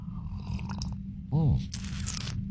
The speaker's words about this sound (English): All right, grab a little coffee, a little juice, a little OJ, whatever you need to get your day off to a good start. We call it the morning slurp.